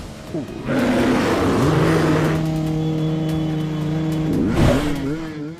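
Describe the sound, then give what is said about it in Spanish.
Motorcycle engines rev loudly in a rough, sustained roar that drives away a bear attacking a motorcycle, the droning pitch climbing early on, holding steady, then surging once more near the end. “ataca a la moto, quedando a tan solo pulgadas del motociclista, pero con el mismo rugir del motor de las máquinas lograron alejarlo, por fortuna para todos.”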